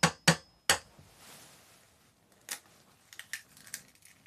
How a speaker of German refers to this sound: Vielleicht machst du mal ein Ei rein, damit wir jetzt gleich so ein schönes Spiegelei kriegen.